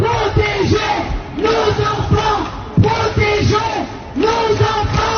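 Protesters at a rally chant slogans including "lève-toi" and "enfance en danger" in unison, the voices rising and falling in repeated rhythmic phrases roughly every second and a half, loud and continuous with no single voice standing out.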